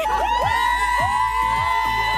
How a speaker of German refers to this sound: Ja, ich glaube, das mit dem Schreien können wir uns jetzt alle sehr, sehr gut vorstellen.